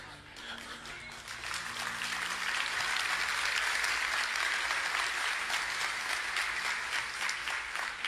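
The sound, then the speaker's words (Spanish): A crowd claps steadily for about eight seconds, the applause building slightly after the first second and holding at a loud, dense level with no speech over it. “¿Cómo estuvo ese aplauso?”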